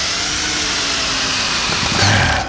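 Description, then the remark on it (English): A power drill whirs steadily for a couple of seconds, loud, with a bright mechanical whine that swells slightly near the end. No one speaks. “only the time for nailing is over because step 12 requires a drill.”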